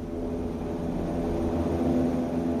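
A steady, low engine drone fills the cabin of a passenger airliner in flight, constant and enveloping with no breaks, a continuous hum with a faint higher hiss above it and no voices.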